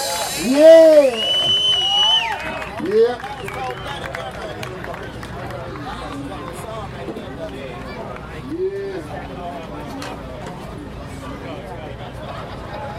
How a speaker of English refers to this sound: Let's have a nice round of applause for the promoters for the Bigfoot Festival. Yeah, yeah. Are you having a good time?